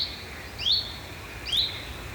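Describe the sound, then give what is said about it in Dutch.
Frogs call faintly from far off in the background at night near Natuurcentrum Arnhem, Netherlands, recorded during a bat survey: short high chirps repeating roughly once a second over a quiet, low night hiss with no voices. “Heel in de verte de kikkers.”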